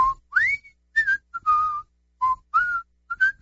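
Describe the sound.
A person whistles a cheerful melody, clear sliding pitched notes in short phrases with brief pauses between them, no talking.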